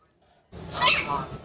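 A duck quacks loudly: a harsh, raspy burst starting abruptly after a short silence, running on for about a second with rough, nasal texture.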